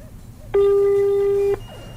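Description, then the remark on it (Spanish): One steady electronic ringback tone from a mobile phone call to the caller's mother that goes unanswered, loud, sounding for about a second before stopping, over a faint murmur of background noise. “Como si no tuviera mi nombre ahí en el celular, que no me contesta.”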